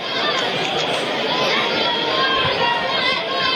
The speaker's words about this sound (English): Great crowd here tonight. First Friday night fireworks in ballpark history.